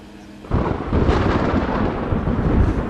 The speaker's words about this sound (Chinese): 太好了， 太好了， 正下雨呢。